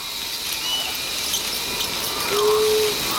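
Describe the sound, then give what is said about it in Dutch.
A family group of small burrowing rodents, 8 to 10 centimetres long, squeak faintly over a steady background hiss, with a few thin high chirps early on and one clearer, drawn-out squeak toward the end. “Ja, en hoor je ze nou ook? Ja, ze horen piepen niet. Hele mooie piepjes.”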